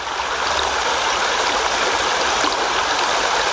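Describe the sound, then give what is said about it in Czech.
The Sázava river at Žďár flows steadily by its bank, its broad, continuous rush of water filling the scene with a bright, textured hiss and no voices. “Na břeh řeky Sázavy, kde jsem si o vodě povídal se starostou Žďáru Martinem Mrkosem.”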